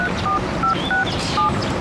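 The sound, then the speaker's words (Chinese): A quick series of about five phone keypad dialing tones, short electronic beeps pressed at a slightly uneven pace as a mobile phone number is dialed, over faint background room noise. “我直接跟他联系，啊。”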